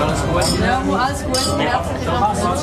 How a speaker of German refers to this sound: und seine Kolleginnen und Kollegen und natürlich auch der Lehrmeister haben zufrieden angestoßen.